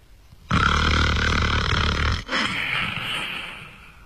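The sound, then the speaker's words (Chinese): A voice imitates the loud snoring of the monk Lu Zhishen asleep at night: a long, harsh, rattling inhale, then after a brief break a breathier, fading exhale, forceful with no other sounds around it. “天黑了，这俩和尚到这屋来就寝呢，往这一走，离这屋还有四五十步呢，就听见从这屋子里边传出来阵阵鼾声。”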